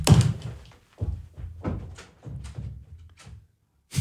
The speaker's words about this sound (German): aus dem Studio rausgelaufen und hat die Tür zugeschmissen.